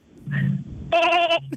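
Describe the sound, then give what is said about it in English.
A caller from Canberra imitates a sheep with their voice, giving a short low bleat followed by a louder, wavering nasal "baa" with a vibrato-like tremble, clear. “I have sheep noise.”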